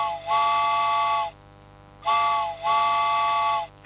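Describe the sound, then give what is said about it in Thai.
A steam train whistle sound effect sounds loudly in two long blasts, each opening with a hiss and holding a steady multi-toned pitch, separated by a short pause. No one speaks. “ตอนนี้ค่ะคุณผู้ฟังรถไฟขบวนที่2นะคะสายด่วนขบวนพิเศษมารับอีก1รอบแล้วค่ะ”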